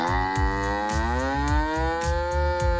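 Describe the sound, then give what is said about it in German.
A cow moos in one long, sustained, rising low call that fills the whole moment, fairly loud, with a steady rhythmic thumping underneath. “Platz 3, die Kuh.”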